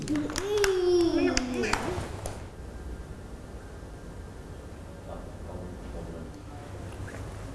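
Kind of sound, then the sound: crowd, children clapping hands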